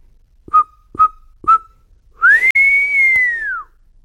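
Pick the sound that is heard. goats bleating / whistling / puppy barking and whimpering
whistling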